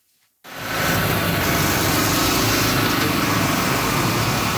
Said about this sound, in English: Bulldozers and dump trucks are busy repairing damaged roadways from this weekend's major storm. Cleanup continues in many parts of Cape Breton that were battered by torrential downpours.